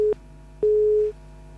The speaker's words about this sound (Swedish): Hallå, hallå. Hallå. Ingen som vill prata med mig. Vi ringer hit, men det är ingen i luren. Vi försöker igen.